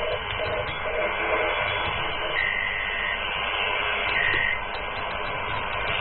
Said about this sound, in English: That's Morse code. A sort of Morse code, yes.